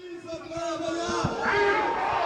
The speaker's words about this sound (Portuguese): Ainda assim, ouviu, até mesmo à chegada, vários protestos contra a mudança na lei laboral.